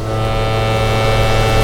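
A foghorn sounds one long, loud, steady blast, a deep droning tone with rich harmonics that holds unbroken for the whole moment, with no voices.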